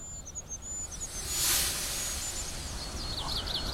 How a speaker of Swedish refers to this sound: Men det gör då att kungsfågelns lilla pipande försvinner lite grann. Det är så högfrekvent så att man får skärpa till hörseln för att uppfatta det.